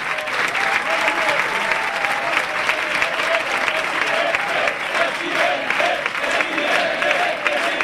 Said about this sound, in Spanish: mira qué aplauso